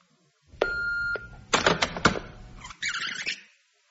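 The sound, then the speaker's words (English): An answering machine in an empty house gives a steady electronic beep, then a few sharp mechanical clunks and a brief whirring hiss as the tape starts up. Fairly loud, with no voices. “An empty house and only an answer phone to greet me.”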